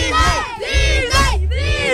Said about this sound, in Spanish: Vamos a gritar Disney todos a la de tres. Va, una, dos, tres.